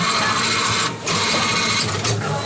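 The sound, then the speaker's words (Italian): A Coripet bottle recycling compactor, activated through the Coripet phone app, runs with a loud, steady mechanical whirring and grinding, briefly dipping twice as empty bottles are inserted. No voices are heard. “Ma io uso l'app di Coripet sul telefono e il compattatore si attiva. Poi inserisco le bottiglie vuote in questo modo qua.”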